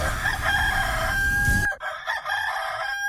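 A rooster crows loudly, one long strained cock-a-doodle-doo with a sustained high note, followed by a clipped second burst of crowing, used as a sound effect for the radio station La Grandota 97.5 FM.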